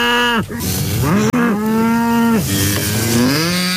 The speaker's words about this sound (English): Okay, this is the part on the show where we let out the cows for the evening, so hold on. Here we go.